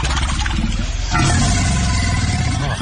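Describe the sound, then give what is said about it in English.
A large alligator, about 20 feet long, lets out a deep, loud, rumbling bellow at night that grows rougher and louder about a second in, a continuous engine-like growl with no talking. “This was face to face with an alligator. It sounds like a friggin' dinosaur.”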